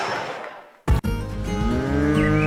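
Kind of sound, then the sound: animal, cattle mooing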